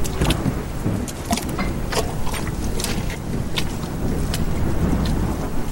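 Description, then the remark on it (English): A steady, roaring wind and rain storm fills the whole recording, with deep low rumbling gusts and scattered sharp pattering bursts of rain, loud, with no voices. “He walked for miles with the cold wind blowing, stinging rain on his skin.”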